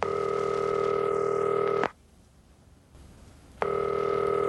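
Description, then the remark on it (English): A telephone ringback tone rings out, drones steadily for nearly two seconds, pauses, then starts again, a call ringing on the line with nobody picking up. No voices. “When I did call, Mama didn't answer.”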